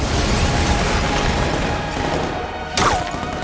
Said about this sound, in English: She throws a charge down, which explodes.